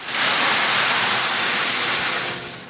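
Heavy rain pours down on people at a cistern that is not yet finished, in a steady, dense hiss that stays loud and even throughout, with no voices or other sounds breaking through.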